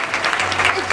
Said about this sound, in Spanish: Un aplauso también para Sergio del Molino, que también se va a retirar, gracias, ya un momento, gracias, del escenario.